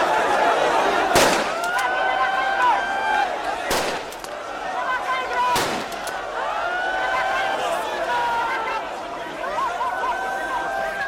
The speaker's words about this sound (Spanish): Son los disparos al aire que lanzaba la policía para frenar la avalancha durante ese agitado traslado de migrantes.